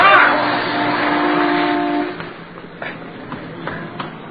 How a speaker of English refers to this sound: I thought sure you were going to get hit by that car.